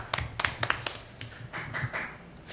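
A short burst of hand clapping, a few quick, sharp claps close together that soon thin out and fade. Fairly quiet, with no one talking.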